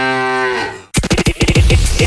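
A single long, low cow moo from a Müller milk bottle promotion, with a rich, buzzing tone and a slightly falling pitch, cut off abruptly by a quick run of loud, rhythmic percussive beats.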